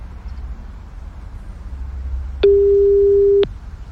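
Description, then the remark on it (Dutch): A phone line rings out once while a radio host calls a listener whose name was drawn as a winner: a single steady, mid-pitched ringback tone lasting about a second, rising clearly above a faint low rumble, with no voices. “Als hij meer dan drie keer overgaat, word ik altijd nerveus.”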